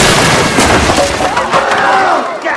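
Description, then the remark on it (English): A fridge smashes through a flimsy roof with a loud, sustained crash of breaking and clattering debris, a dense roar of noise with some higher tonal squeals mixed in. “Fridge crashes through a flimsy roof.”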